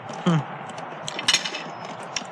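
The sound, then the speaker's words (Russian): Cutlery clinks lightly against dishes as a boy sits down to lunch: a few short, bright metallic taps scattered over a quiet background, with a brief low murmur near the start. “В половине 12-го мальчуган развел огонь и ровно в 12 уселся за обед.”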